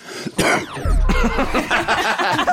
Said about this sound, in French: J'adore ces toux qui arrivent juste après.